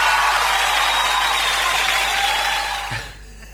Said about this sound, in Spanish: Perdón, chicos, estamos en vivo y en directo. ¡Aplauso!